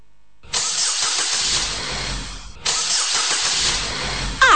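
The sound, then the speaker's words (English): A car engine cranks loudly in two long bursts separated by a brief pause, the starter grinding and churning, ending with a short squeal. “Edie kura na me engine ni chechre.”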